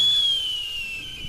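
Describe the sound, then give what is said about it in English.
A falcon's warning call: one thin, high, whistling note held for just over a second, gliding slightly downward in pitch, heard on its own with no voices. “That's different from a warning call, which Benassi says he doesn't expect the bird would make.”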